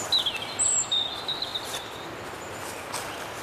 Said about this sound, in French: chantent les oiseaux.